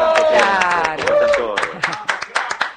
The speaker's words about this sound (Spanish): Acá en Nora Brioso, todo el equipo en Radio Nacional te saludamos para todo el país. Un aplauso, claro.